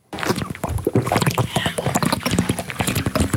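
A woman gulps water from her bottle, a steady run of loud, wet swallows and sloshing splashes in quick, uneven succession, continuing throughout without pause.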